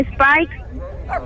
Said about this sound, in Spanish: ¡Está chillando, perrito! Bueno. Oiga, ¿de qué tamaño es el perrito? Mediano. Es un patocito alemán. La patita la tiene cafecita. Sí, la tiene cafecita. El cuerpecito lo tiene negro.